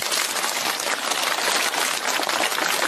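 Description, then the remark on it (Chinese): A crowd applauds a performer steadily, a dense, even wash of many hands clapping at once, loud and sustained throughout with no voices. “你表演一次，大伙儿给他鼓鼓掌。”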